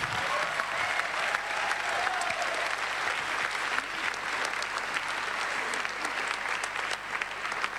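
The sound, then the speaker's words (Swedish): A crowd applauds steadily, dense clapping that holds at an even, fairly loud level for the whole stretch with no talk over it. “Nu ger vi dem en stor applåd.”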